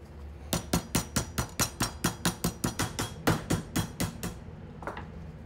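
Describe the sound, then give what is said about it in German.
A meat mallet pounds pork loin into thin slices for a Franconian cordon bleu in a steady run of about sixteen quick, dull thuds, fairly loud, then stops, followed by a faint clink. No one speaks. “Vorsichtig klopft Rico das Fleisch zu dünnen Scheiben.”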